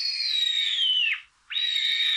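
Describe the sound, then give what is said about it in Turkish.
A Eurasian sparrowhawk, recorded by Dursun Bal in Konya and shared in eBird's Macaulay Library, calls with a loud, high, strained note held for about a second, sliding down at the end; after a brief pause a second call starts abruptly. “Atmacayı Dursun Bal Konya'da.”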